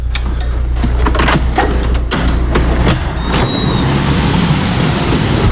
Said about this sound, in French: La voiture arrive.